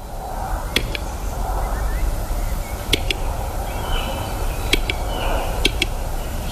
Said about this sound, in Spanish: Es el canto de uno de los habitantes. Cada vez en más recesión, pero el urogallo sigue siendo el reclamo fundamental